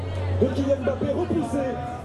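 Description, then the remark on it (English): A crowd of Morocco fans, many wearing Moroccan flags on their backs, fills a Paris street on a hot night, with screens set up at bars and cafes; overlapping chatter and indistinct voices, a steady murmur of many people talking at once over a low constant hum. “There are just tons of people out here, and many are wearing Moroccan flags on their back.”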